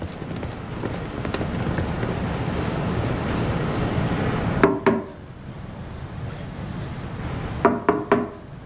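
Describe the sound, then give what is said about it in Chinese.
Two separate bursts of firm knocking on a door by police, each a few quick raps several seconds apart, following a stretch of steady background rumble that fades out before the first knocks. “谁呀？ 警察，开门。”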